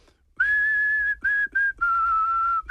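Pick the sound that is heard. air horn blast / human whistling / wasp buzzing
human whistling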